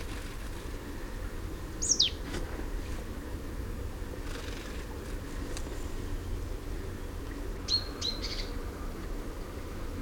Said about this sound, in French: Alors là, il y a une mélange. Ah, voilà. Je ne sais pas exactement laquelle c'est. C'est une charbonnière, je crois. Oui, une mélange charbonnière.